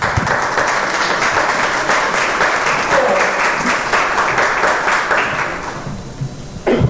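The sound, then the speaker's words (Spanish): A church audience breaks into sustained applause for Jesus Christ, a dense wash of many hands clapping at steady loudness for several seconds before thinning out toward the end. “¿Cuántos le dan un aplauso a Jesucristo?”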